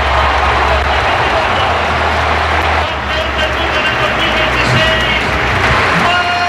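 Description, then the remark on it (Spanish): A large stadium crowd at the Metropolitano applauds Atlético de Madrid footballer Marc Pubill, number 18, as he comes out of the tunnel, a dense, sustained roar of clapping that stays loud and steady throughout, with a broad wash of crowd noise and faint voices mixed in. “Tremendo los aplausos que se lleva el chaval.”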